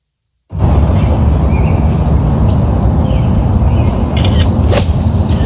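Birds chirp and whistle, apparently a whippoorwill, with a woodpecker's sharp taps near the end, all over a loud, steady roar of background noise that starts abruptly and never lets up, recorded on the cell phone that filmed a player's shot.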